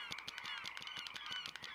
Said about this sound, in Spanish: ¡Y aves!